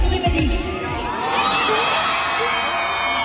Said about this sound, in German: Der Kreisch-Counter, der war auf jeden Fall crazy, so laut und alle konnten, alle Tänze, ist ja auch klar.